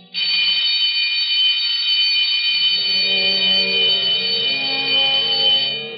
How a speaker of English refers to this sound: When the time for closing bell rang in the public library, Alexander Bonaparte Cust started, picked up his battered briefcase with the almost faded initials ABC, closed the book he had been reading, and shuffled over to the librarian's desk.